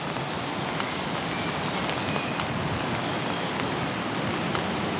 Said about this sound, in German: So gehen wir nun also schweigend den Fußweg hinunter in den Ranft. Der Regen stört uns dabei nicht.